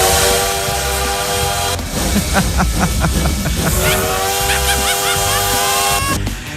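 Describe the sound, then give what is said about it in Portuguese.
A loud train whistle blows in two long, sustained blasts over a heavy rolling rumble, with rhythmic clacking of wheels on rails between the blasts. “De volta, mas já pegando o bonde.”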